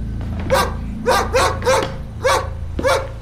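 A dog named Snow White barks six times in quick, uneven bursts, each bark sharp and fairly loud, with a steady low hum running underneath.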